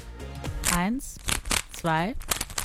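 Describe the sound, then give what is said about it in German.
A Rubik's cube being twisted quickly, a run of dry plastic clicks and rattling turns, interrupted by two short bursts of voiced sound from a person. “Warte kurz, ich mache das mit dem Zauberwürfel zusammen.”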